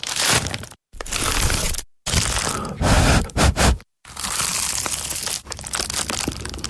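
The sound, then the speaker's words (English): Loud crunching and crackling of a bite into the flaky pastry of an award-winning Dad's pie, in several bursts with brief silent gaps, crisp crumbly textures filling each burst. No talking. “Ah, that was the sound of an award-winning dad's pie.”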